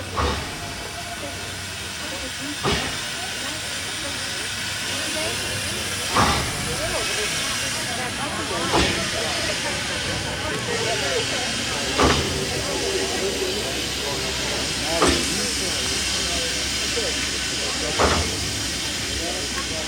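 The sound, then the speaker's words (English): An old steam train at Durango, Colorado, running to Silverton, hisses continuously and loudly, with a sharp burst of escaping steam roughly every three seconds. “The idea was to take at Durango, Colorado, the old train to Silverton.”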